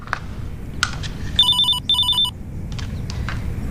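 A telephone rings in two short bursts of bright electronic trilling, clear, over a low background rumble with faint clatter around it.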